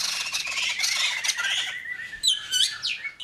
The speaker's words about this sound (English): Have you ever listened to the birds and wondered, how do they come up with all those different songs?